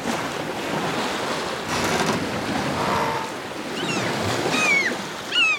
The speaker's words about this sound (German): Natürlich hat man da dieses Windgeräusch ganz, ganz stark und es ist schwer, die anderen zu verstehen, weil der Wind eben so laut ist. Es ist manchmal so wie ein Pfeifen, was man oft eben sagt